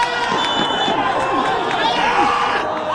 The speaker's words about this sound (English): I'm at a match for a local league, the Iraqi Qaldeen League. It's the first game of the summer, and things are getting heated. One of the goalies is yelling so much, you'd think this was an actual World Cup match.